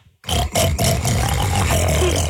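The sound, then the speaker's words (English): A man imitates a pig, letting out a loud, rough snorting grunt that rumbles on for about two seconds, with no other talk. “ask … what animal sound you want him to make. A pig.”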